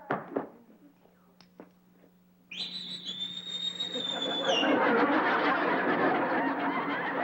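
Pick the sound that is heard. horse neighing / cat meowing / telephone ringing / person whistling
person whistling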